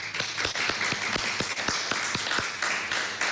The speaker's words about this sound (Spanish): Un aplauso a los asistentes.